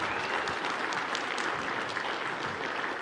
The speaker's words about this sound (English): And also our special guest in music, give them a hand clap, would you please?